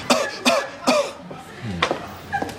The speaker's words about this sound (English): Two quick coughs. More?